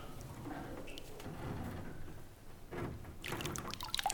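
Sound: water lapping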